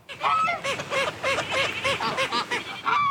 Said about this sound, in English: So there is Buddy the Waterfowl with a flock of feathered friends around him. The Cayuga duck showed up at the man-made lake in southeast Edmonton about 3 months ago.